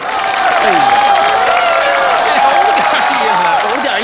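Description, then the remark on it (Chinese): A big, sustained wave of applause fills a crowded hall, loud and dense from start to finish, with cheering voices and shouts mixed into the roar. “我说此时此刻现场能爆发出雷鸣般的掌声，嘿，哎呦， 真灵！”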